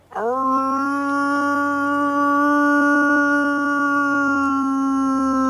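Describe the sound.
A man howls like a wolf to call a pack of wolves in Sierra Morena: one long, loud, steady howl that swoops up at the start and holds its pitch for about five seconds, alone with no talking.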